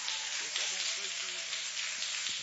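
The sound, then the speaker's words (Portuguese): A church audience applauds steadily for Jesus, a dense, crackling wash of many hands clapping at once with no pauses, and a few faint voices rising beneath the clapping. “Eu quero que você receba ele com aplausos bem forte para Jesus.”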